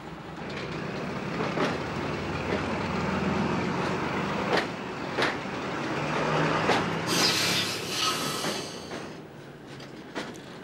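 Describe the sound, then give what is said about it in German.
The 8:10 train from Bastia rumbles steadily along the track as it descends rapidly toward the coast, with periodic clacks of the wheels over rail joints and a brief high hiss or screech midway through, no voices present. “Viermal täglich fährt ein Zug diese Strecke.”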